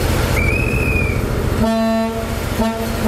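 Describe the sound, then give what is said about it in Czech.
The horn of the historic Delfín diesel train set on a sightseeing ride on Czech tracks sounds two loud, steady blasts over the rumble of the running train, the first long and the second shorter after a brief pause, with a faint high whine early on. “Historickou dieselovou soupravu Delfín můžete na českých kolejích potkat až do neděle, kdy se z Prahy bude vracet přes Liberec do Německa.”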